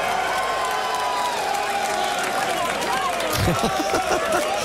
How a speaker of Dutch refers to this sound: Großen Applaus für den Kirkulator Kirk Bevins.